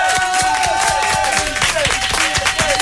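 Loud, dense applause from a sizable audience fills the whole stretch for a 10-year-old guest on the Énergie radio show, steady and continuous, with some whistling or cheering riding on top of the clapping.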